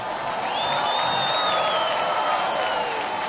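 A steady, dense wash of audience applause for "our heroes" runs through the whole stretch at an even loudness, with a thin whistle or whoop rising over the clapping partway through.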